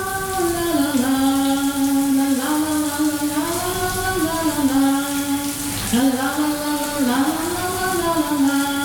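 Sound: shower curtain closing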